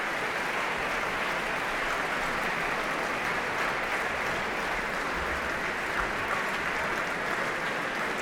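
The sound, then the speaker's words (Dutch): Sustained audience applause after the Concertgebouw Orchestra, conducted by Dimas Slobodenjuk, played Igor Stravinsky's Symphony in Three Movements, also for pianist Ramon van Engelenhoven and harpist Petra van der Heijden: a dense steady wash of many hands clapping at an even level, with no voices over it. “En applaus hier ook voor Ramon van Engelenhoven op piano.”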